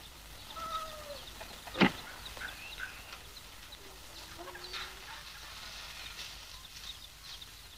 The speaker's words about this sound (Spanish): ¿No son esas las gallinas que me gustan? No. Pues ándese con cuidado con las que tienen gallo.